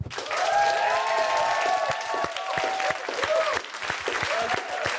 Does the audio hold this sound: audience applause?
yes